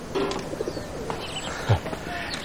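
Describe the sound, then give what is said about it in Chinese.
A pigeon coos in a few soft, low, throaty bursts over a faint background hum, with one fuller coo near the end; no one speaks. “你说这鸽子我给你治好了”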